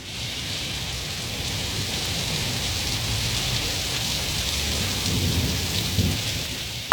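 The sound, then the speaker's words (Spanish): Steady rain pours down in Salinas, Talcahuano, in a continuous hiss, with a deep low rumble underneath like thunder; no voices, just the dense, even wash of a downpour throughout. “Talcahuano, Salinas, lloviendo.”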